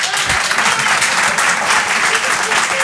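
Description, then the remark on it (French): An audience claps steadily, a dense, loud wash of applause that holds at an even level from start to finish, with no voices standing out. The applause answers a question about who has thought of changing jobs in recent months. “Qui, par applaudissement, a pensé à changer de travail ces derniers mois?”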